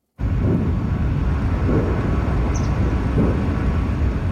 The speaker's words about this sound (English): Distance explosions rumble through the air just south of Moscow, following one of Ukraine's largest drone attacks of the war.